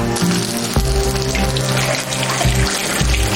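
Slices of meat for guo bao rou are slid one by one along the edge of a wok into hot oil, frying with a loud, steady sizzle and crackle, broken by a few sharper bursts as pieces go in. A low tonal hum runs underneath; no one speaks.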